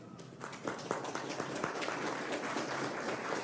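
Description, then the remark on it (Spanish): Sustained audience applause for the Pasco region at a regional election debate in Pasco, Peru, held by the Jurado Nacional de Elecciones: a dense steady patter of many hands clapping at an even moderate loudness throughout, with no speech over it. “Un aplauso sostenido para la región Pasco y agradecerles por mantener el orden y la disciplina.”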